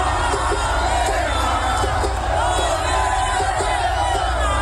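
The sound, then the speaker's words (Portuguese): A large crowd at an event at the Museu do Amanhã roars, cheers and shouts as coach Ancelotti announces Neymar Júnior for the World Cup, a dense wall of voices holding steady at high volume throughout with scattered whoops rising above it, interrupting the announcement. “Ele teve que até que ser interrompido, né, por conta desse barulho aí da plateia.”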